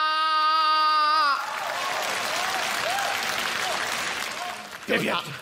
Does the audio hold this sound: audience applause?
yes